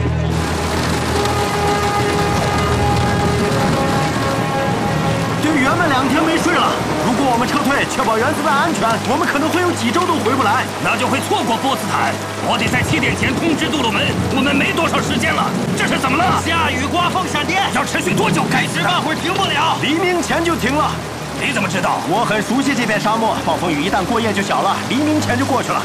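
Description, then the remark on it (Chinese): Steady, dense rain with gusting wind fills the scene, loud and continuous, in a desert thunderstorm with lightning at an atomic bomb test site. Voices murmur under the downpour, and sustained tonal notes sound at the start before the storm takes over. “下雨刮风闪电， 要持续多久？”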